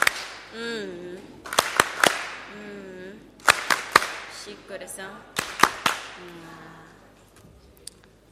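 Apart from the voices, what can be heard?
audience applause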